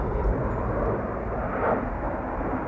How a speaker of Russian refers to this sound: Самолет. Венька, слышишь? Это за нами из города.